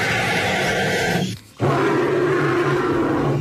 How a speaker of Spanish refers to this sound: ¡Os he engañado! ¡Los dos son pájaros! ¡Ah, mira! ¡Alucina! El primero, que parece un dinosaurio,